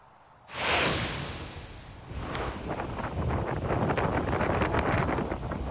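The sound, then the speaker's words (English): Wind and rain from storm Isaias roar steadily in Fort Walton Beach after a sudden loud gust surges in near the start, with gritty buffeting and crackle running through the dense, continuous noise. No one speaks. “Ooh, listen to that wind and rain roar in Fort Walton Beach.”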